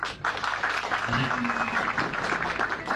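An audience applauds steadily for a few seconds, a dense, even wash of clapping with no clear pauses, and a brief voice or cheer rises faintly in the middle.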